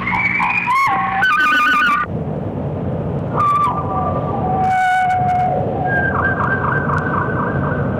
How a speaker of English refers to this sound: The statement is little more than the Tohe's theme, and the response, a harmonically related chord, also sometimes used by the Tohe. Here the Tohe sings its theme immediately after the thrush's statement.